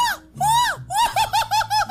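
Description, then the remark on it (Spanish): A voice imitates a Mexican ranchera grito in the style of a singer, an entry in a Candela radio contest: two long, swooping high yells, then a quick rhythmic run of about six warbling, yodel-like whoops, loud. “Este es mi grito de ….”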